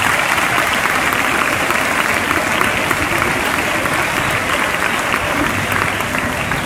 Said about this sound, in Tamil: இதுக்கு கைத்தட்டல எதுக்கு?